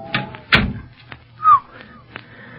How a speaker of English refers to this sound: Say, that door's been oiled. Squeaked like the dickens the last time we used it.